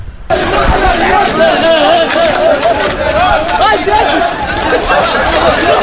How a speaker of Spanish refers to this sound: Fíjate cómo se les oye correr.